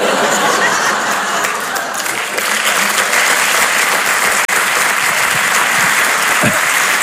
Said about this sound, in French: Eh, je vois beaucoup de femmes qui applaudissent, etc.